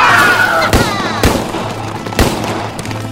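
gunfire

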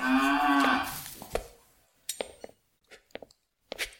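cattle mooing

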